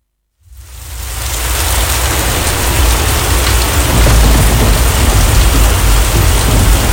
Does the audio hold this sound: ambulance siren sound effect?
no